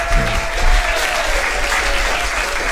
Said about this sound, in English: All right, ladies and gentlemen, boys and girls, round of applause.